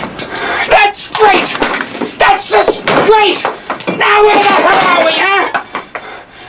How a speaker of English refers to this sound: Brody looks over as Quint comes in and smashes the radio repeatedly with the bat.